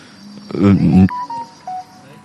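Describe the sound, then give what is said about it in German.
A mobile phone goes off with a couple of short, thin electronic beeps, fairly faint, right after a brief burst of someone talking. “Ja, aber, ja, ne, dass dein Handy an ist, das ist mein Problem.”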